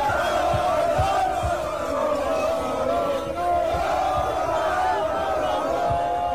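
Thousands of football fans in the streets of the Murcia region, with flags, chants and horns, celebrate Spain reaching the 2026 World Cup final. They chant and shout in unison, a steady loud roar of many voices with rising and falling sung phrases and occasional thumps underneath.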